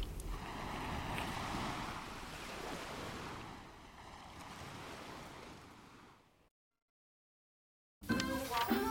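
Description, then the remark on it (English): Waves wash steadily around a boat on open water, with rushing wind buffeting the microphone for several seconds, then it cuts to silence before a brief, different sound starts. “Boatu is on a boat covered by Geico”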